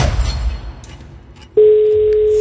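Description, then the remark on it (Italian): An outgoing call's ringback tone, the first ring of the call: after a second and a half of low muffled background noise, one loud, steady electronic tone begins abruptly and holds unbroken to the end. “5 squilla a disposizione, dovete rispondere con ottenete. Primo squillo.”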